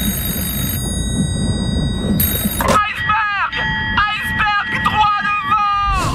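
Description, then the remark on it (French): A ship's alarm bell, rung by lookouts in the crow's nest to warn of an iceberg, rings with a steady, sustained metallic clang over a low rumbling background, then a man starts shouting loudly "Iceberg, right ahead!" as the ringing continues faintly underneath. “Mais ça les empêche pas de lancer l'alerte en sonnant la cloche et en criant dans un téléphone steampunk.”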